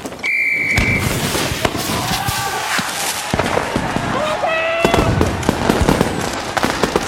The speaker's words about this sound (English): It's just fireworks.